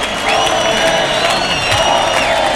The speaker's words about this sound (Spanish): Bueno, la plaza que se llena de pañuelos blancos. Saluda en el centro del ruedo la ovación que le está tributando el público David de Miranda. Aquí hay premio grande, ¿eh? Gritos de torero a torero.